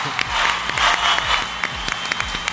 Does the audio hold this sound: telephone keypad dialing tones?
no